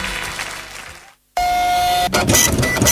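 A printer runs with mechanical whirring, pauses for a moment, then resumes with a steady high whine before breaking into louder, rhythmic rattling and clattering as the paper feeds through.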